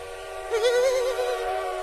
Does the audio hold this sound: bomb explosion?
no